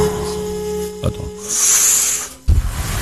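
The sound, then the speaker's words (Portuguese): A voice imitates a puff of cigar smoke being exhaled: one breathy, airy hiss lasting under a second, moderately loud, over a low steady background hum. “Pega um belo de um charuto assim.”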